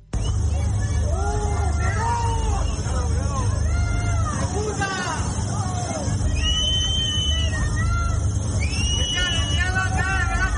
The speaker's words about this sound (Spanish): díganle ustedes a estos vecinos que le están gritando a Pedro Sánchez y que se han visto afectados y que no saben si se han quedado sin absolutamente nada.